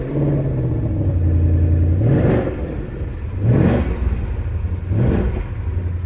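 A 5-litre naturally aspirated V8 engine in a three-pedal manual car crackles into life, rumbles steadily, then revs up sharply three times, each rise climbing in pitch before dropping back to a low, throbbing idle. No one speaks.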